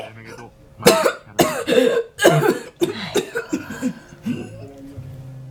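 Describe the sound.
A run of harsh, wet coughs, several bursts in quick succession, loud, with a few breathy gasps between them and a voice trailing off at the end; someone coughing in an old herbal medicine shop.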